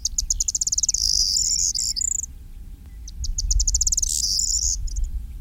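A corn bunting sings twice: each high, dry phrase begins with quickening ticks and ends in a bright, jangling trill like shaken keys. A steady low rumble runs underneath.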